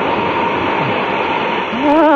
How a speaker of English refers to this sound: Be careful, Min, careful. Don't let that steam get up your leg.